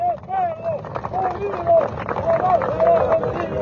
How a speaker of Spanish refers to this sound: ¡Fuerte aplauso, compañeros!